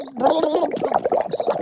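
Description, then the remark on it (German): Wet, bubbly gurgling of someone swallowing water underwater while being tickled under water, a voiced, fluttering burble that runs steadily for about a second and a half with no clear speech. “Nicht unter Wasser kitzeln, da verschlucke ich mich ja.”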